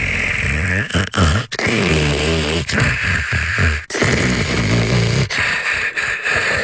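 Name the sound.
snoring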